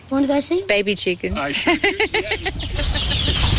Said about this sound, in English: What did I see? Baby chickens. Oh, I hear them.